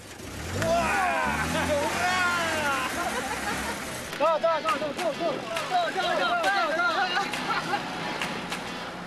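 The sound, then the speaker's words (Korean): A Soviet-era jeep carrying local residents rumbles steadily along a rough road, speeding up, its low engine drone running underneath a crowd of excited, overlapping voices that shout and exclaim throughout. “거친 길을 달리는 차의 속도가 점점 빨라집니다.”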